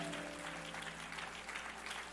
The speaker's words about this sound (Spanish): Un aplauso fuerte a Jehová.